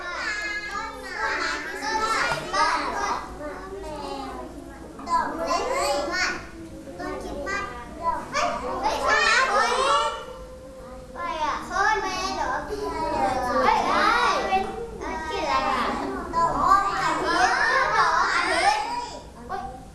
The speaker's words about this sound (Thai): แล้วเวลาทำงานจริงๆเด็กๆเสียงดังแบบนี้เพื่อนๆจะมีสมาธิไหมคะ